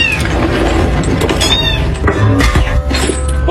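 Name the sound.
kitten meowing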